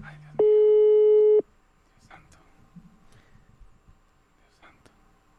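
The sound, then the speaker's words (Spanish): A loud, steady electronic WhatsApp call ringing tone sounds for about a second, then quiet murmuring and faint voices follow before the tone starts again at the very end. “Ahí está, ver, por señoras, WhatsApp. Señores, WhatsApp.”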